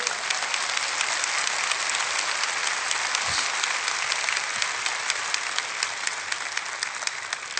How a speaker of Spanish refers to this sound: Dale un fuerte aplauso a tu papá.